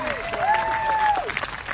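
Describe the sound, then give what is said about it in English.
An audience at the Norman Depot applauds steadily after a jazz band's original composition, with dense, continuous clapping, while a sharp rising whistle and some cheering voices cut through the middle of it. “Give a round of applause.”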